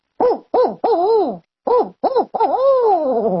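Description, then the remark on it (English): A person imitates a barred owl, building up a lot of air to voice a rhythmic series of hooting calls: three short hoots, a pause, then two more leading into a long, drawn-out descending hoot, loud. “Like the barred owl, I have to build up a lot of air to be able to do it.”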